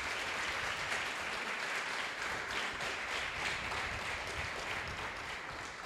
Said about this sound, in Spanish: Denle un fuerte aplauso al que todo lo puede.